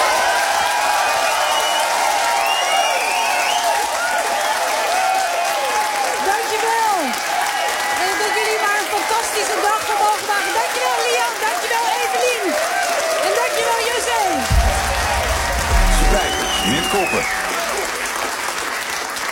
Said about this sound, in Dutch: Als iedereen even wil gaan staan, dan doen we het even en jullie ook staan. Dan doen we het gewoon even een beetje voor wat voor belachelijk applaus je dan krijgt als je daar straks op het podium staat en iedereen gaat helemaal uit zijn dak.